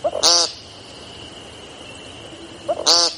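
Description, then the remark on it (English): An American woodcock, a brown and black speckled bird, gives two loud, buzzy, nasal 'peent' calls, like someone yelling the word 'paint', about two and a half seconds apart, each preceded by a soft short note, over a steady thin high-pitched drone. “Woodcocks look like a shorebird that got lost in the woods.”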